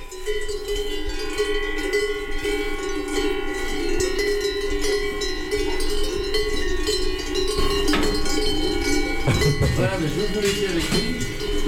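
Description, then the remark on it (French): Cowbells on cows grazing in the park near the chapel after milking, during a concert, clank steadily throughout, a dense wash of overlapping metallic tones at several pitches, with a brief louder knock and rustle toward the end. “Donc, effectivement, là, apparemment, vos vaches sont venues écouter le concert.”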